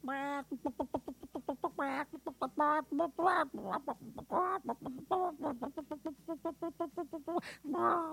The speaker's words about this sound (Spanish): así se llama la gallina, que aquí está conmigo.